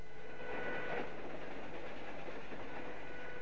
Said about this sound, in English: Later, Rance to Hallie, riding in a train carriage.